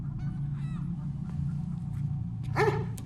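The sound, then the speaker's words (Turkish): A dog barks twice, a fainter bark followed by a louder one, over a steady low droning background; nobody speaks. “Köpek köpek.”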